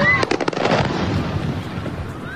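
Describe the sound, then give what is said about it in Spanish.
Drones exploding on impact against a warehouse of the Russian e-commerce company Wildberries and other facilities in Moscow, during one of the largest drone attacks on the Russian capital: a rapid burst of sharp, crackling blasts, then a steady low rumbling roar, with a faint high whine rising and falling at the start and end. No voices. “Es el sonido de los drones impactando contra un almacén de la empresa rusa de comercio electrónico Wildberries, lo que sería el Amazon ruso, y contra otras instalaciones de Moscú.”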